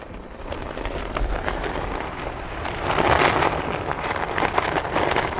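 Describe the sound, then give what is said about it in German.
An oversized Serbian flag, big enough to cover a truck, flaps hard in strong wind high up on a rock; a steady rushing roar broken by dense, irregular crackling snaps that swell louder midway. No voices are heard. “Es ist windig hier oben. Die Fahne klingt wie ein flackerndes Lagerfeuer.”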